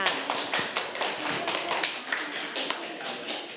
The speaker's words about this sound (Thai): ขอเสียงปรบมือให้กับตัวแทนด้วยค่ะ